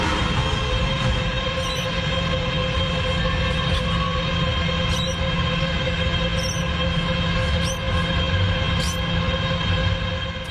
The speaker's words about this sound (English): That's data centre noise. You could just hear the chirping of birds, but only just underneath us. That's what they sound like.